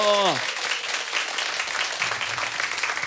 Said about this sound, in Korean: 아 박수.